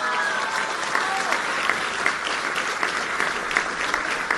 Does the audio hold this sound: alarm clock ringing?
no